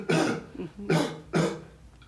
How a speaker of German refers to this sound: Einatmen. Und husten.